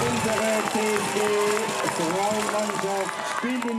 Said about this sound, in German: … jubelt mit.